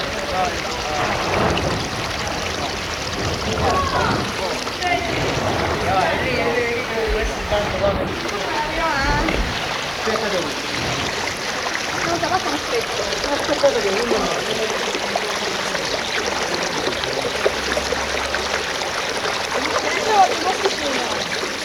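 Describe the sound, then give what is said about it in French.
A steady rush of the clear Alcantara river flowing out of a narrow gorge from the mountain, continuous, with a broad hissing texture that never lets up, while indistinct voices murmur in the background. “Ici, une rivière très claire sort d'une gorge étroite et débouche de la montagne.”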